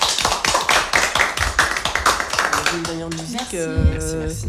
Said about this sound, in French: Mais merci en tout cas. Merci pour votre participation. Ouais, c'était trop chouette. Oui. On peut vous applaudir, je pense.